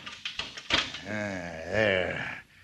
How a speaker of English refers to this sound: The door to the safe opens.